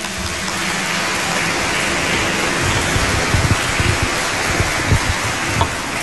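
A crowd applauds steadily for about six seconds, a dense crackling wash of many hands clapping at once, with a few sharper claps standing out near the end and no voices.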